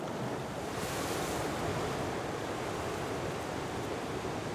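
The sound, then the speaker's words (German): Surf crashes steadily against coastal rocks where goose barnacles grow, a continuous loud wash of churning water with some wind rushing over the microphone and no voices. “Die besten Entenmuscheln wachsen da, wo es richtig gefährlich ist. An den umspülten Felsen ist das Wasser besonders sauerstoffreich.”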